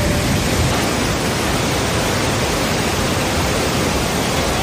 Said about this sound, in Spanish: Por ejemplo, se registraron 74 litros en Chercos, 71 en Belefique, 70 también en Bacares, todo esto este fin de semana. Y claro, pues sonido clásico de lluvia cuando ocurre.